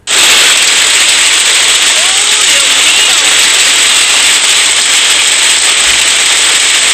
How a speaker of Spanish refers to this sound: Granizo en Padre Hurtado, chiquillo, ¿eh? Granizos. En Padre Hurtado, granizos.